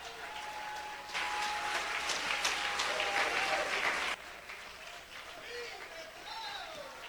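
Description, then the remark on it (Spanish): An audience breaks into loud, sustained applause for Christ for about three seconds, a dense wash of clapping that cuts off abruptly, with a voice speaking before and after it. “Te le da un aplauso a Cristo y yo sigo.”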